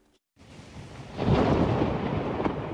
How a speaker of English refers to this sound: First came the storms, sweeping across the south and west of England overnight, bringing 29,000 lightning strikes, according to the Met Office.